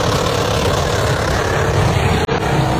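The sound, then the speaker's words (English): A Holden Commodore ute driven by an 86-year-old woman doing a burnout: a loud, steady engine roar with dense, gritty noise throughout, briefly cutting out near the end, with no voices. “There she was in her Holden Commodore U.”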